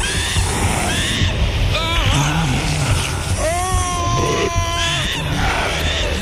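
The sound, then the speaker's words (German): Two voices cry out together in drawn-out, wavering screams as the earth shakes, over a constant rushing, rumbling roar, with a shorter yelp before the long sustained shout. “Ruhig schreit gleichzeitig mit mir auf.”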